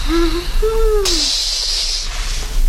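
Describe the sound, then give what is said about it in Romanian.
Two low, hooting tones give way to an abrupt, loud hiss as a bucket of water is poured onto the embers in a house hearth around midnight, putting out the fire: a steady sizzling rush lasting about a second before fading into quiet. “A turnat apa peste tăciunii din vatră.”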